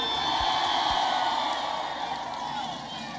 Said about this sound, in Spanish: Miren qué hermoso se ve este estadio. Un aplauso a todo Veracruz con cariño.